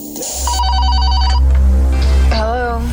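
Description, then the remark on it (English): The Midnight Caller radio show phone rings with a quick, warbling electronic trill lasting about a second, loud, over a steady low humming bed of music, followed by a brief vocal sound. “One-hit wonders on the way, but we've got business in hand right now with the Midnight Caller phone.”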